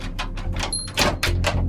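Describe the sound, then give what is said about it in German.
A heavy cellar door swings open without any creak, giving a series of soft scraping, rushing bursts over a steady low hum, moderately loud. “Komisch, ich hätte jetzt erwartet, dass die Kellertür quietscht.”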